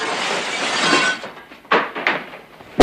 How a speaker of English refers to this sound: Valance hurls a chair through the office window